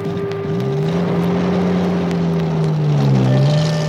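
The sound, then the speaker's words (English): An Indian Army Jeep driven by a soldier drones steadily through the countryside, its low engine tone rising and falling slightly as it drives along, with a rushing wind-like noise underneath and no voices. “Since he was an officer, he had a special car called a Jeep and a soldier to drive it for him.”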